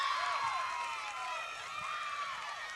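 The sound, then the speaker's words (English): A large crowd roars in approval after the Bemidji State Beavers make a save against the Dragons, a steady, dense wash of cheering with rising and falling shouts and whoops layered on top, holding at a constant loud level throughout. “Much to the delight of the crowd.”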